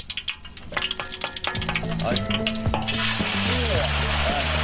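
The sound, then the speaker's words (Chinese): Diced chicken hits hot rapeseed oil in a wok with a sudden loud, steady sizzle that swells into dense crackling as it is stir-fried over high heat, while a voice talks over the cooking throughout. “然后将切好的鸡丁倒入锅中翻炒，大火煎熬出鸡肉的肉汁与菜籽油混合在一起，香气四溢。”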